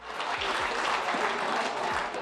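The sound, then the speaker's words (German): Steady applause from a sizeable crowd in a festival tent at an award ceremony for the winners, dense clapping at a constant level without pause, with faint crowd murmur and a few low thumps underneath. “Bei der anschließenden Siegerehrung im Festzelt dann Applaus für die kleinen und großen Gewinner und in diesem Jahr Gewinnerinnen.”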